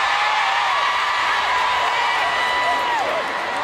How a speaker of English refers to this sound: And the crowd goes wild.